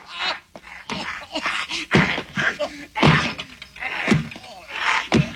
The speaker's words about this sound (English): Thad threw it away and tried to make a break for the door, but Aaron grabbing the gun first with one hand and smashing him in the face with the other.